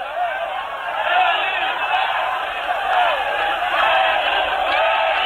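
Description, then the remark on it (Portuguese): A large crowd shouts and chants the name of Elis Regina in unison as her coffin leaves the Teatro Bandeirantes, a dense, loud, sustained roar of many voices that swells and surges steadily without pause. “Agora a população começa a gritar pelo nome de Elis Regina.”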